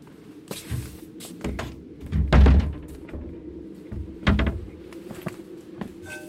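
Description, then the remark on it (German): A door that had been standing open swings shut in cold weather with a couple of heavy thuds amid assorted clicks and knocks of handling, moderately loud, with no voices. “Die Tür stand offen. Ich habe mir erlaubt, sie zu schließen bei dieser Kälte.”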